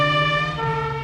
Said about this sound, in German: Hier kommen 3 Sirenen. Aber nur eine davon gehört zur Polizei. Welche ist das?